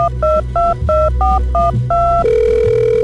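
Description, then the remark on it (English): A telephone rings before a phone conversation between U.S. President Donald Trump and Russian President Putin, with a quick run of about seven short, evenly spaced electronic two-tone chirps, then settles into a steady, unbroken tone. Loud, with no voices. “We now interrupt this program to bring you the latest phone conversation between U.S.”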